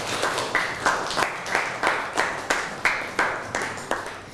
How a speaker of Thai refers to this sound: นั่งลงครับปรบมือให้กับเพื่อนหน่อย